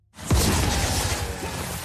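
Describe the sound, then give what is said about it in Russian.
A sudden loud whoosh of fire bursts up from under the ground with a deep thump, then keeps roaring as a dense, rumbling rush of flame that holds steady for a couple of seconds. “Сноп огня вырывается из-под земли.”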